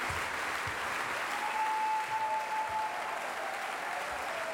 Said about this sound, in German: Ja, und Sie hören es, meine Damen und Herren, das Publikum verlangt hier eine Zugabe.